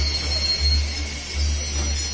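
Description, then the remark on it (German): The Nordexpress train rolls in at platform 7 with a deep, pulsing rumble and steady hiss, thin metallic squeals ringing faintly above it as it slows alongside the platform. “Treten Sie bitte zurück an Gleis 7. Der Nordexpress fährt ein.”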